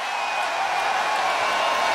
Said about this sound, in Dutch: Hij staat nog tussen het publiek zo te horen, hij hoort me niet.